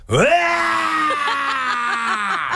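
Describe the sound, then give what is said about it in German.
A voice imitates a manual-transmission car being driven by someone who cannot drive stick, stalling and lurching as it pulls away: a rising groan that settles into a long, strained drone, then breaks into a series of stuttering, jerky pulses before fading out. “Nico hat das Auto seiner Mama und er kann keinen Schaltwagen fahren. Und dann, wenn er losfährt, klingt es ungefähr so.”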